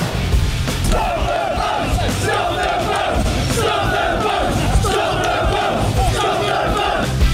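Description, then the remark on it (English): A large crowd at the Republican convention in Dallas roars and shouts together in a steady, loud wall of cheering that holds for several seconds, with rising bursts of massed voices and no single speaker standing out. “The Republican convention roaring in Dallas.”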